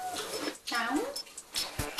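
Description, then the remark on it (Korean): A single short meow from Momo, a pet cat, rises and falls in pitch, with people talking around it while her owners eat breakfast in the kitchen. “야옹? 뭐야옹 했어?”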